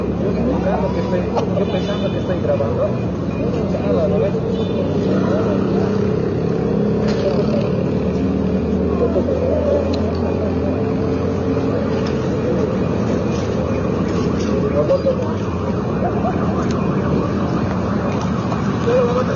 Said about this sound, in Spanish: Estamos viendo en imágenes como los efectivos del auto también están trasladándose en motos hacia lo que es el Prado de la ciudad de La Paz. Están descendiendo la Mariscal Santa Cruz